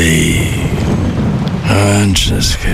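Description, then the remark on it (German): Steady, loud rain hisses throughout with a low rumble of thunder underneath, and a brief voice-like tonal sound rises near the end. “Naja, Regen.”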